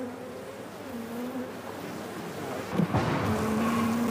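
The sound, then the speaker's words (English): A dense, steady hum of many honeybees around a hive as a person searches the honeycombs for combs containing young bees to take to a laboratory for research, with individual buzzing tones drifting up and down and a brief louder flurry near the end; no one speaks. “is searching for honeycombs containing young bees, which she will then bring into the laboratory for research.”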